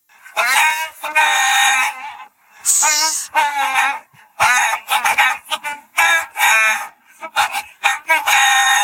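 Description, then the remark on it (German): A song melody sung entirely in chicken clucks and squawks for a music quiz called Radio Gackack, in which songs imitated with chicken clucking must be recognized, played during an Ego FM Backstage interview; loud, moving in bouncy rhythmic phrases separated by short pauses, with no words or instruments. “Songs erkennen, die mit Hühnergegacker nachgesungen werden.”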